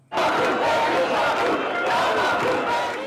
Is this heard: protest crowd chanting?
yes